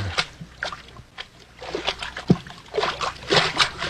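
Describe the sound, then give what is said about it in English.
Steady sloshing and splashing of feet wading through ankle-deep water inside a cavern off a mine shaft, a series of uneven watery surges roughly every half second, with no voices. “Hey, we're in water over our ankles.”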